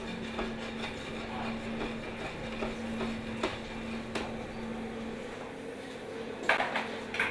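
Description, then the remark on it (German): Ravioli and prawns being tossed in a pan with a little butter: soft clatters and metallic knocks over a steady hum and faint sizzling, with a louder clank of the pan near the end. No one speaks. “Ein bisschen Butter dazu und das Ganze gut durchschwenken.”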